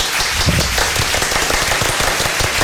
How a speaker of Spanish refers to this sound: Me voy a poner un aplauso. Y aprovechando. Ven. Me voy a autoaplaudir. Sí, les diría que me aplaudieran ustedes, pero ustedes no tienen la consola con los efectos.